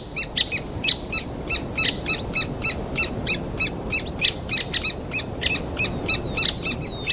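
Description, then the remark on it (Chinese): Three-toed woodpecker chicks call from inside a tree hole, a rapid, steady series of thin, high-pitched chirps repeating about three times a second over a soft, rumbling background. “很多鸟类仍在忙着筑巢，树洞里的三指啄木鸟雏鸟却过得十分安逸。”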